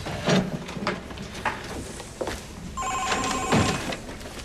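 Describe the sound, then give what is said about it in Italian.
A telephone starts ringing partway through, a steady electronic bell tone sustained over a second or two, preceded by muffled bumps and shuffling sounds like a door closing. “Scusa se passo, ma devo passare. Io devo il telefono.”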